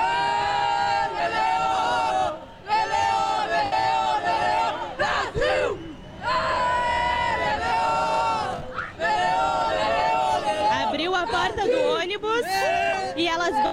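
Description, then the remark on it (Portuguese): A large crowd of football fans chants and sings loudly in unison outside a parking lot as the women's team bus arrives, a dense wall of voices that carries on almost continuously, with only brief dips between phrases. “assim como, é claro, toda a torcida que tá aqui acompanhando.”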